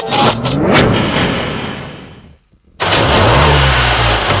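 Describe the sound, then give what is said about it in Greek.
A car engine, recently serviced at the Thanopoulos Service garage, revs hard and accelerates, drops to near silence for a moment, then roars back loudly with a rising engine note. No one speaks. “Ακούστε πώς πάει, ακούστε υποδύναμη, ροπές! Πάει σφαίρα το εργαλείο, άλλαξες μηχανή.”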